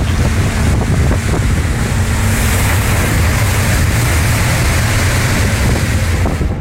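Loud, continuous storm wind roars and buffets the microphone while waves wash and surge around a fisherman's rowing boat, tossing it about as water comes in, a dense, unbroken rush of water and gusts with no voices.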